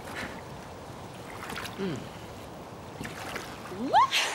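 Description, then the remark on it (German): A small boat moves across water with a steady wash and swish of water. A few brief, high, rising vocal-like sweeps come near the end. “So, raus aus dem Boot!”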